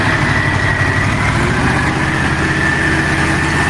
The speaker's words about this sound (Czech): dívej se, starodávný stroj a furt to jede.